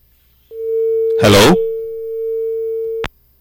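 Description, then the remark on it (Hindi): A steady, unbroken telephone line tone hums for about two and a half seconds after the first caller's call drops during a broadcast phone-in programme, briefly overlapped by a short throaty burst of noise, then cuts off with a click. “Hello जी, लगता है इनका कॉल कट गया।”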